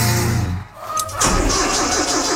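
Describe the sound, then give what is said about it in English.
A tractor engine cranks sluggishly and struggles to catch, chugging unevenly before briefly sputtering, loud with no one talking. “Don't worry, Prairie Battery has the right motivation to get your tractor back to work.”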